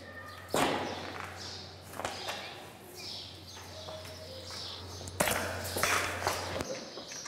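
A tranquilizer dart from a veterinarian strikes an animal's thigh with a sharp thud, followed seconds later by a second abrupt hit, over a steady low hum with faint outdoor chirps.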